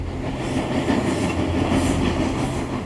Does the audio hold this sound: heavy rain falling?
no